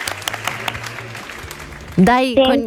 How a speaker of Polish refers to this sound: Proszę bardzo, jeszcze oklaski dodatkowe dla ciebie. Brawa i fanfary.